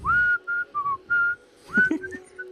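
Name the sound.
person whistling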